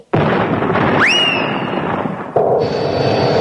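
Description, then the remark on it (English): A loud cannon shot erupts suddenly and keeps roaring for several seconds, with a shrill whistle sweeping upward partway through, then shifting to a steadier rushing tone. No one speaks. “Now then, first, I stuff you inside from the cannon's mouth.”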